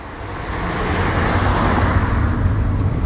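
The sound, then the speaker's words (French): Steady road noise from a car driving along the road to the speaker's parents' house, a continuous low engine rumble and tyre hiss that stays even throughout, with no voices. “Et là, on a pris la voiture obligatoirement parce que on se rend chez tes parents.”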